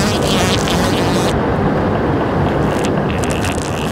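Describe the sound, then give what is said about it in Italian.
A loud, steady mechanical drone from an air conditioner, said to run on human intestinal gas, switching on: a dense low rumble with airy hiss above, holding constant for the whole stretch with no voices. “Con questi caldi torridi e il cambiamento climatico, pensa a quante vite umane potrei salvare con dei condizionatori che funzionano a gas intestinali. Ecco, guarda, si sta accendendo.”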